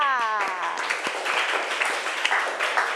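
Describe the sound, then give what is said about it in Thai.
A class of students claps together in a quick, dense burst of applause that carries on steadily, after a teacher tells them to clap for a correct answer. A spoken voice opens the moment, then the clapping continues on its own. “ท่านั่งครับ ท่านั่งถูกต้องปรบมือค่ะ”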